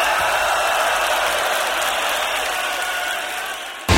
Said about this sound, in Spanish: Los sonidos se detienen y el último aplauso inunda el ambiente. Esto fue Arena Ritoque, una hora de música en vivo por Ritoque FM.